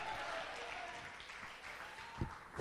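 An audience at a church sermon claps steadily together as an offering of praise to God, a dense wash of many hands with a few sharper claps standing out near the end.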